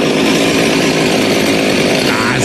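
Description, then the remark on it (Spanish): A voice loudly imitates a chainsaw being started, making a steady, buzzing engine drone that holds without pause for a couple of seconds, with no other talk. “Cuando van a prender una motosierra, güey.”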